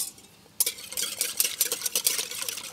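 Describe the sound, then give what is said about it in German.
Three eggs and water are whisked briskly in a bowl for Spätzle dough, producing a rapid, irregular series of bright clinking and scraping strokes that start abruptly after a brief quiet moment, with no talking. “Verquirlen hier erstmal drei Eier, geben Wasser da dazu.”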